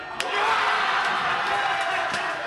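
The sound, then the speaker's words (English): The crowd at Barilla Sports Bar in Jackson Heights, Queens, New York, erupts as Paraguay beats Germany on the final kick of a sudden-death penalty shootout: loud, sustained cheering and shouting, a dense roar of many voices that holds steady throughout, with a sharp bang near the start. “The crowd goes nuts, and then, wait for it, the whole place comes under a sort of sonic assault.”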